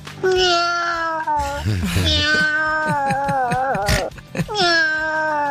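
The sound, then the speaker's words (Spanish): A human voice, a person from Vicente López, imitates a cat, producing a few drawn-out, wavering meows with rising and falling pitch, fairly loud, with no background noise. “Ahí va mi Michi.”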